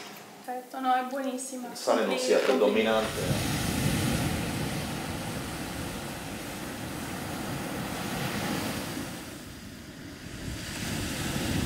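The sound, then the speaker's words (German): A voice speaks briefly at the start, then a steady, full roar of ocean waves breaking on the shore takes over, swelling and easing gently with no talking. “Wir bleiben noch ein bisschen am Meer.”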